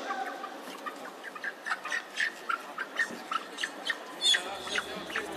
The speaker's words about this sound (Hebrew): זה חליפתכם, זה תמורתכם, זה כפרתכם, זה התרנגול ייכנס למיטה ואתם תיכנסו לחיים טובים ולשלום.